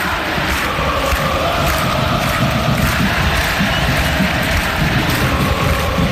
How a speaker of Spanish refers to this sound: Paraguay 2, Uruguay 0, Enciso de penal lo hizo. El griterío es infernal.